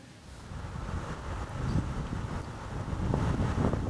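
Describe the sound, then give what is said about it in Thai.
A boat of Nepalese officials moves along a river in Nepal on a search and rescue mission after a major disaster, amid steady wind buffeting the microphone, a continuous low rumble with splashy surges that grow slightly louder toward the end. No one speaks. “ขณะเดียวกันเจ้าหน้าที่เนปาลเองก็มีการล่องเรือไปตามแม่น้ำนะคะโดยเป็นส่วนหนึ่งของภารกิจค้นหาและกู้ภัยหลังจากภัยพิบัติครั้งใหญ่”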